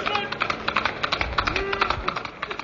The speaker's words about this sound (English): Hey-ho, Silver, a blinding flash. A white horse and a cry of hey-ho, Silver. And the Lone Ranger is on the trail of Spawn.